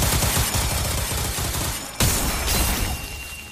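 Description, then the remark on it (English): A loud, rapid-fire barrage of magic missiles, a spell called Vermilion Scourge, raining down in a field: dense, overlapping blasts and crackling bursts pound continuously, with a brief break around midway before the volley resumes and slowly tapers. “I would like to describe this as a Vermilion Scourge, as a rapid-fire, absolute cacophony of magic missiles rain down in the field, bursting you out of your vines and raining down upon her ceaselessly, unrelenting,”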